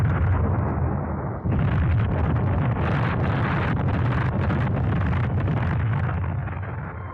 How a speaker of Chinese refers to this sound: 就从这儿开始，村庄里就雷声隆隆，此伏彼起，连绵不断。不管是在屋里屋外、房上房下，还是在墙头井边、鸡窝猪圈，哪儿都是爆炸的地雷，到处都成了敌人的坟场。